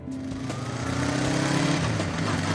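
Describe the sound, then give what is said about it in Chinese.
A motorcycle engine runs steadily, its low buzzing drone shifting pitch slightly as the throttle changes, as the motorcycle is ridden across the Wuliang Mountains (无量山), with no voices over it. “老赵怀着朴素的心愿，骑着摩托车踏遍了无量山。”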